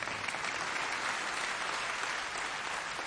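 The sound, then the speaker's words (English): A crowd applauds steadily, a dense, even wash of many hands clapping at full strength for the whole few seconds, with no voices rising above it. “You can clap for that.”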